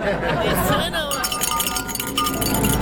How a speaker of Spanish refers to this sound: Oye, esta campana que nos trajeron ni suena.